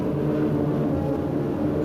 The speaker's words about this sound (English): Once again, weather planes make a last-minute check.